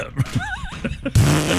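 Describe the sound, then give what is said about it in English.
A fart sound effect: several short, sputtering low blasts with a wobbly, squealing tone in the middle, then a sudden loud rush of noise that carries to the end. “Larry King would fart, and he'd pause, fart, and he'd go, so if you've ever been to Fiji, like, he'd just keep going.”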